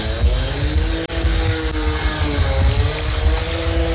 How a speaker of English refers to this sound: Hang on. Is that a leaf blower or a chainsaw? Whatever it is, it's illegal. It's 8:36.